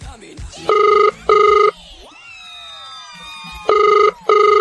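A phone line rings out on an outgoing call: two loud, steady double-ring bursts separated by a pause, with a brief swooping electronic tone in the gap between them.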